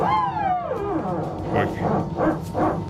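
An Airbus hydraulic power transfer unit (PTU), part of the aircraft's hydraulic system, barking shortly before takeoff: a falling mechanical whine gives way to four rough, rhythmic bark-like bursts, fairly loud and heard on their own.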